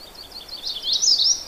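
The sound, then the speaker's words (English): High, thin songbird notes, including an indigo bunting's song, twitter in quick overlapping phrases, swelling louder toward the end. Several birds seem mixed together, with no voices. “There are several sounds here, but one of them is an indigo bunting, and I didn't expect to see it here.”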